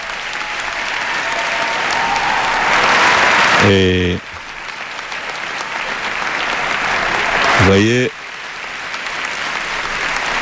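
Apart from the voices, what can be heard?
audience applause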